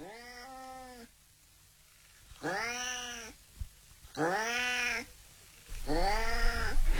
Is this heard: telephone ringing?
no